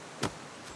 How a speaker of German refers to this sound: Viel Wind heute. Stellt mal lieber eure Räder weiter weg. Der Wind beschäftigt hier alle. Radfahrer, Hobby-Skipper und Schleusenwärter.